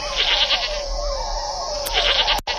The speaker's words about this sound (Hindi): एगो बकरी उधर से गुजरत रहल।